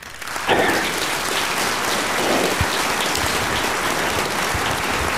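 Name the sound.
applause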